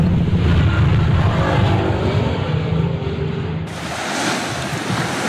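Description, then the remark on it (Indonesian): A steady roar of waves breaking on Tanah Barat Beach in Kutu village, South Kuta, Badung, Bali, loud, with the wash of surf swelling and easing slightly over a few seconds. No voices are heard. “Pantai Tanah Barat.”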